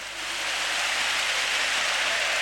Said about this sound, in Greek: Ο Όσμαν χάνει ακόμη μια βολή όμως. Το χειροκροτεί ο κόσμος και πολύ καλά κάνει.